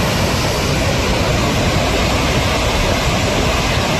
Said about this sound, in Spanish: Así suena el río Besòs, que baja con mucha fuerza a esta hora. De hecho, la alerta hidrográfica es extrema. En las imágenes se aprecia el enorme caudal que está descargando.